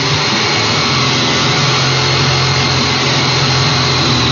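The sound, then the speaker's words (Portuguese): An electric jigsaw being used runs without pause, a loud, steady motor whine with a harsh buzzing rasp and a low hum underneath, holding constant throughout with no voices. “Essa aí, ó, é uma serra tico-tico.”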